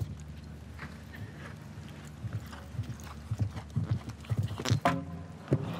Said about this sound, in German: Ach, weiß nicht, ob die Blähungen des Pferdes ein bisschen im Weg waren hier gerade.